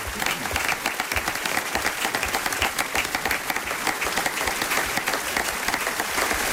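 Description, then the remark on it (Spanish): Sustained applause from an audience for guest actors, a dense, steady patter of many hands clapping at once, fairly loud and continuous throughout with no voices rising above it. “Nuestro aplauso especial a nuestros actores invitados de esta mañana.”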